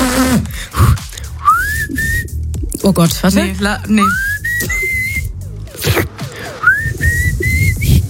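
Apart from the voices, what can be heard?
person whistling a tune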